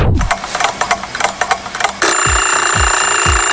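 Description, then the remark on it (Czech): An alarm clock rings loudly: a rapid metallic clatter for about two seconds, then a steady, piercing electronic ring punctuated by low, regular thumps. “Ruku na srdce, vyskočíte každé ráno po prvním zazvonění budíku, nebo ho pětkrát odkládáte a každých pět minut si říkáte ještě chvíli.”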